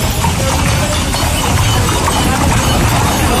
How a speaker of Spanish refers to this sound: Es el sonido del paseo de enganche celebrado el sábado por las calles del centro de la ciudad. La Feria de Otoño y del Caballo de Huelva ha cerrado esta pasada madrugada una edición marcada por la elevada participación y también el buen ambiente